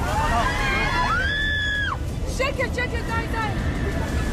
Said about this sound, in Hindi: Dubai से Israel जा रही फ्लाई दुबई की फ्लाइट आसमान में थी, तभी कॉकपिट से आई चीख पुकार ने पूरे विमान में हड़कंप मचा दिया।